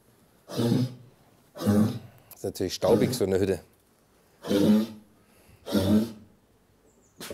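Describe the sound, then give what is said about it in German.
A female brown bear gives four deep, raspy coughs, each a short heavy burst spaced about a second apart, with a man briefly speaking between the second and third. “Ja, die hat jetzt einen kleinen Hustenanfall.”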